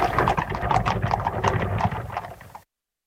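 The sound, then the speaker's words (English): Horse-drawn carriage traffic jam at Vauxhall Gardens: many hooves clip-clop in a busy, overlapping rhythm over a low rumble of wheels, steady and fairly loud for about two and a half seconds before stopping abruptly. “Ah, the Vauxhall Gardens traffic jam.”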